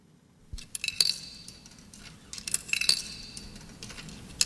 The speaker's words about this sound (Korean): 지금 자판기에 동전을 넣는 듯한 소리로 시작해요.